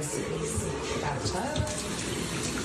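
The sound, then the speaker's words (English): Water runs steadily from a tap inside Trinidad City Hall, a constant splashing hiss at moderate volume that holds for the full few seconds without pauses. “So here inside Trinidad City Hall, the water looks clean, but some say it's a fluid situation depending on where you're at and when.”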